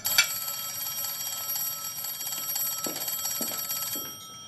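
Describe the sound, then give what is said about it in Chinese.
An old-style telephone bell rings loudly and continuously with a rapid metallic trill as Lu Ming calls Zhou Yi's home, sustained for about four seconds before cutting off, with no voices present. “这时鲁明拨通了周乙家的电话。”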